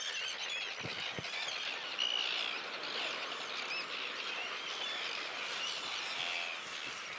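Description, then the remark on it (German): A dense, continuous chorus of terns calling at a breeding colony on an old pontoon at Banther See, where 435 pairs are nesting and the birds are busy with courtship; many harsh, high-pitched cries overlapping at once with no pauses, fairly loud, with no voices present. “Auf der Brutinsel erkennen Empfangsgeräte die Seeschwalben und liefern deren Daten an die Computer der Forscher.”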